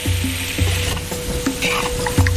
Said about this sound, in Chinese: 选取一年生土鸡，切块后下锅翻炒